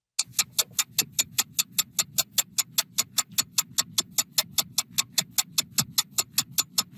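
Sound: clock ticking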